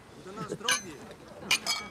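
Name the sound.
glasses clinking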